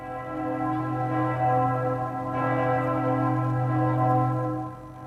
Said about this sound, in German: Apropos Ulmer Münster. Stellt euch mal vor, ihr seid ganz hoch oben im Turm und hört dann die Glocken läuten. Pünktlich zur vollen Stunde.